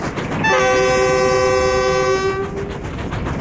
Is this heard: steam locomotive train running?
yes